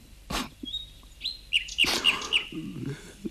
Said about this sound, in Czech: Něco mi ten zpěv připomíná. Nebožka žena měla kdysi takovou hrací skříní. Ale ovšem, taky už mě to hned napadlo. Skutečně, ten pták to dělá přesně podle hrací skřínky, vysoce zvěčnělé císařovny. Až mi to hání slzy do očí.